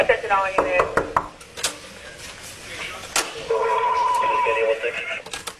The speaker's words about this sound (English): It's around 1 a.m., March 13th. Miami Beach police make their way into the Mondrian South Beach Hotel and up to the 11th floor. The first knock goes unanswered seconds later.